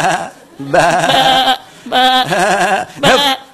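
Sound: sheep bleating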